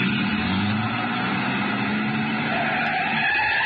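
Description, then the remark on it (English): A truck's engine is turned over and rumbles steadily, a loud continuous motor drone with a faint rise toward the end and no voices over it. “I started back toward the street when a man, a much larger man than DuPont, came out the side door and got into the truck. He turned over the engine and switched on the lights before I could get clear.”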